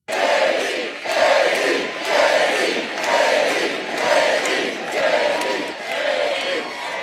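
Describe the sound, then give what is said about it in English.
A large, fired-up crowd at a speech by J.D. Vance chants his name in unison, the same short phrase repeating in a steady, loud rhythm roughly every second, sustained throughout. “I gotta say, it's pretty cool to hear a crowd that is this fired up chant your name.”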